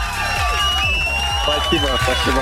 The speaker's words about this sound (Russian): Ты ответил абсолютно правильно. Эти аплодисменты для тебя и колонка тоже.